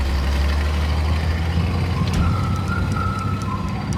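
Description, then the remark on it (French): Heavy truck engines rumble loudly and steadily as about a hundred trucks carry packed artworks toward the Château de Chambord, 160 km away, with a short hiss of air brakes midway and a faint high whine drifting over the low drone. “Ils prennent ensuite la poudre d'escampette, emportée par une centaine de camions, destination Chambord, un château situé à 160 km.”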